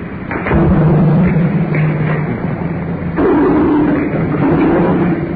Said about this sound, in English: More cars over our heads.